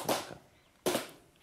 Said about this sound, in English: Clapping is intrinsic to the sevu-sevu ceremony. One clap informs my host that I am honored to have a swig.